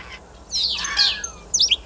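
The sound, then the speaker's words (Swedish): A common starling mimics other animals, including a greenshank, common crane, fox, common snipe, magpie and yellowhammer, running through a quick series of whistled and chattering calls, clear, with a bright burst of notes near the end. “Ska vi ta och lyssna på vad du och Mats Ottosson hör för andra djur här när, som staren härmar?”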